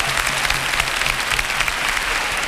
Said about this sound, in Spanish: Y justamente ahora la Virgen del Rocío, que se posa en su altar, ahora sí, estas son las palmas que lo confirman.